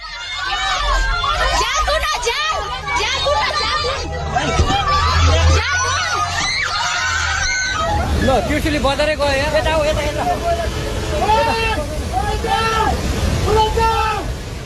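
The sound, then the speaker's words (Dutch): A loud, steady roar of an avalanche of water and mud sweeping over villages in the Himalayas of Nepal and Tibet, while many people shout and cry out in panic as they run for their lives, their overlapping yells rising above the torrent. “Een lawine van water en modder overspoelde meerdere dorpen in het Himalaya-gebergte. Mensen renden voor hun leven.”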